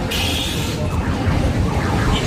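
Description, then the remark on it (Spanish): Busy fairground ambience: a steady wash of crowd noise and machinery with a high electronic whine and shifting ride tones from bumper cars and a tombola, loud and continuous, with voices blurred into the din. “¿Así suena una feria?”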